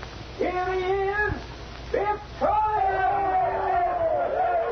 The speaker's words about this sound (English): The sergeant watched the husky Irishman stride out on the stage to the cheers of the audience.